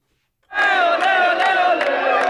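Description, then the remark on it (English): A large crowd of soccer fans at the fan festival near Union Station, watching Argentina beat Algeria, chants loudly in unison, a sustained wall of singing voices punctuated by sharp, regular bursts that sound like claps or drum hits. “There was a strong showing for Algeria, but most of the FanFest crowd backed Argentina, and specifically their star player, Lionel Messi.”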